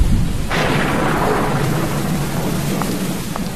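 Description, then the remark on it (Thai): Steady heavy rain pours down while a deep rumble of thunder swells in and rolls on underneath, loud, with no voices. “ฝนตกทีไรดูไม่ได้ทุกทีเลย”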